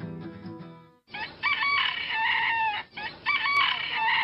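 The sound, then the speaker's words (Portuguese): A rooster named Felizmino crows loudly, two long strained calls in a row, following a brief burst of music at the start. No one speaks. “E quando o galo Felizmino começa a cantar, é a hora de despertar”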